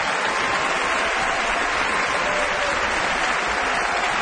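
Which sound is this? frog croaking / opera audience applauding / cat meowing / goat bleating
opera audience applauding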